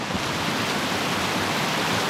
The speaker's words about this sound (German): Es ist Wasser, das plätschert da oben am Kaunertaler Gletscher.